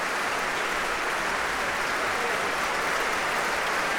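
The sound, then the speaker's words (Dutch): Sustained concert audience applause for violinist Guy Brownstein, the Concertgebouworkest and conductor Ivan Fischer after Brownstein's own violin concerto, a dense steady wash of many hands clapping at even loudness throughout, with no voices standing out. “En dit applaus is voor Guy Brownstein en voor het Concertgebouworkest.”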